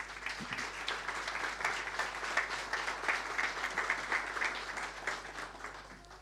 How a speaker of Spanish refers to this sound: Recibámoslo con un gran aplauso, por favor.